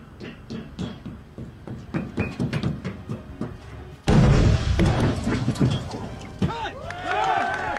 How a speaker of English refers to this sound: Go, go, go! Fire in the hole! Explosion coming. There. And a second one.